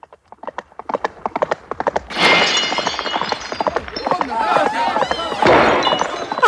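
Horse hooves clip-clop steadily as a drunken hussar rides into clay crockery set out at a corner of a market, then a loud crash of the pots smashing, followed by a long spill of clattering, tinkling shards while a horse whinnies.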